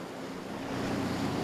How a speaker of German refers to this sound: Obendrein haben sie heute ordentlich Wellengang.